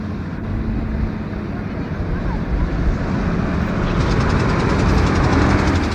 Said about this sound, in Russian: Уезжает. Не похоже, чтобы этот грузовик мог принадлежать подземному строительству.